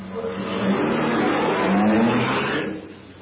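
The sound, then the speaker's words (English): A car engine runs loud, its pitch climbing as it revs and accelerates away, then the rumble begins to ease off at the end. No one speaks. “Now he'll get into the car. He'll start the engine.”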